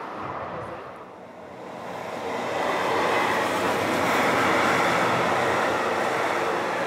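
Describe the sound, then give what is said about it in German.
A freight train rumbles past the Rheinhotel on the Rhine, its broad roaring noise swelling from a dip to a steady loud peak with a rattling, grinding texture throughout. No one speaks. “Genau so haben wir das gelöst mit den lauten Güterzügen.”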